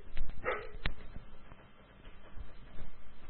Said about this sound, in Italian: È un cane completamente pazzo.